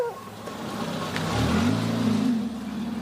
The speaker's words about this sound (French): La voiture repart avec Johan et l'enfant.